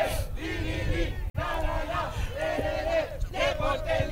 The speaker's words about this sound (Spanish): Cuando escuchamos el grito de la gente, muchachos.